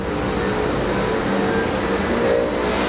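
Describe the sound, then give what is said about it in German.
A battery recycling plant starts up in a large pilot-plant hall in Braunschweig, running with a loud, steady roar and whine, a dense continuous mechanical drone with faint tonal hums that fills the whole stretch, with no voices. “Kein Flugzeugtriebwerk, das warm läuft, sondern eine Recyclinganlage, die hochfährt, in einer großen Technikumshalle in Braunschweig.”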